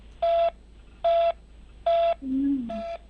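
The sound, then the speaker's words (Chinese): Four short, evenly spaced telephone beeps of a disconnect tone repeat steadily on the line after a call to China Unicom customer service hangs up, with a brief lower droning tone between the third and fourth beeps. “听到的是联通10010的这个电话，不是我挂断了啊”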